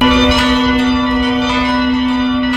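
Church bells ring out loudly with a rich, sustained metallic tone, their overlapping strikes blending into a continuous resonant peal with no voices present. Bells of the churches of the Archdiocese of Warsaw and the Diocese of Warsaw-Praga, Poland, ringing at 17:00, W-hour, marking the anniversary of the Warsaw Uprising.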